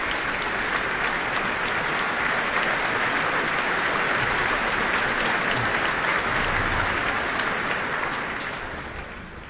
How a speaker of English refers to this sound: that applause is for the leader of the Royal Philharmonic Orchestra, Duncan Riddell.